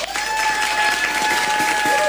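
Steady, loud applause from a large audience welcoming a singer onto the stage, dense overlapping claps filling the whole stretch without pause, with a faint sustained tone running underneath.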